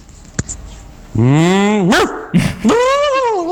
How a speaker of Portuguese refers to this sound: Isso aí é uma cachorra em cima. Isso daí tá querendo o machinho dela.